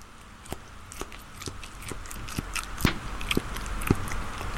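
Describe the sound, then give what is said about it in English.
Crunchy biting and chewing of food, a string of sharp wet crackles at an irregular chewing rhythm, moderately loud with a soft background hiss and no talking. “What kind of mastication are you getting?”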